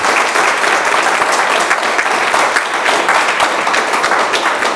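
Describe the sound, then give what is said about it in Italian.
Sustained applause from an audience for a woman guest, a dense, steady wash of many hands clapping at full volume for several seconds with no pauses. “Allora, intanto le facciamo un applauso.”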